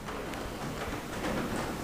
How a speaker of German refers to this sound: Der Regen plätschert leise auf das Dach, das hört man auch.